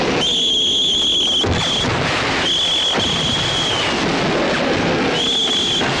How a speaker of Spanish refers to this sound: Cuando llega la hora, empiezan a sonar los silbatos.